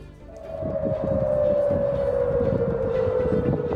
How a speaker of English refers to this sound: Sirens have sounded across Jordan after the military says it shot down three Iranian missiles.